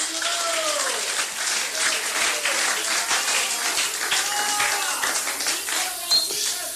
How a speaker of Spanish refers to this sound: Denle palmas a Cristo esta noche.